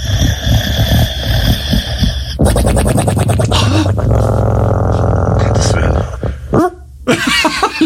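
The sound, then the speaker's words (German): A black French bulldog named Pablo snores loudly, a rough, rattling drone that turns into pulsing snorts and wheezy, nasal rasps, running almost continuously with one brief pause near the end. “Er kann natürlich unfassbar süß schnarchen.”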